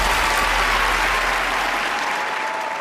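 An audience claps steadily for the whole stretch, a dense, even wash of applause that stays loud throughout and eases off only slightly toward the end.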